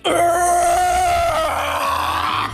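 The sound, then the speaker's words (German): A woman attempts a metal scream, letting out a loud, strained growling scream lasting over two seconds, raspy and noisy over a held pitch that drops and roughens partway through before cutting off. “Kannst du eigentlich einen Metal Scream?”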